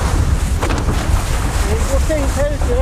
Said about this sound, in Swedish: nu är alltså Kjell ute i de stora vågorna, och det vi hör är ju alltså hans mick